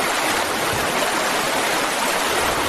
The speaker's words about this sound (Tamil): இந்த ஒரே ஒரு பாத்திக்கு மட்டும் தண்ணி பாய்ச்சிட்டு வந்துடுறேன்.